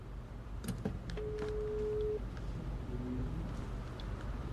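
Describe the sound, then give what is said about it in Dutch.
A few clicks and taps, then a steady electronic phone tone sounds for about a second, followed by a fainter tone, all over a low background hum with no talking. “Eteke Telefoon.”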